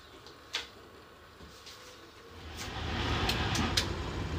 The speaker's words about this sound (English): But there's a problem. The engine won't idle properly.